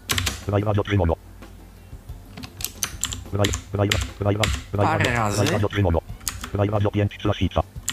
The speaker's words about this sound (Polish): Jest RAI 4. I w tym momencie zrobię sobie Ctrl Shift strzałkę w dół.